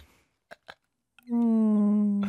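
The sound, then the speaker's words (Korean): After two short breathy puffs, a person hums a steady, nasal buzzing drone for about a second, imitating a mosquito's whine. The buzz is loud, even and holds one pitch. “이게 좀 모기 같다.”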